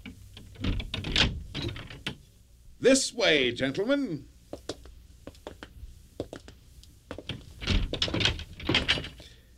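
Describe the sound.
A few sharp metallic clicks as a servant unlocks the door to a treasure house, then the door swings open with a loud, wavering creak, followed by a man speaking briefly.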